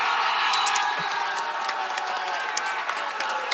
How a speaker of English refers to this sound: Well, that's obviously changed right now that Canada has scored. Everybody's going up on their feet, cheering, waving that Canada flag. And I can see a little Quebec flag in the back as well being waved. People are just so excited right now.